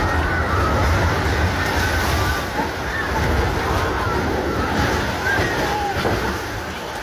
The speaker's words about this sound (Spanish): Escuchamos de nuevo gritos, el ruido de lo que son edificios que se están cayendo en este pequeño pueblo al oeste de Caracas.